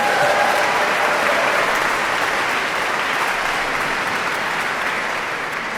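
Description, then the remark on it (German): Sustained audience applause at a choir concert in the sold-out Nikolaikirche in Rostock, Mecklenburg-Vorpommern, calling for an encore: a dense steady wash of many hands clapping at even loudness throughout, with no voices standing out. “Wenn Sie so klatschen, haben wir natürlich noch eine allerletzte Zugabe.”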